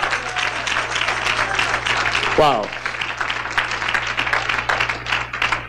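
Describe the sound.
A church audience applauds steadily and loudly throughout, a dense wash of clapping given for God, while a man calls out a short exclamation partway through over a low steady hum.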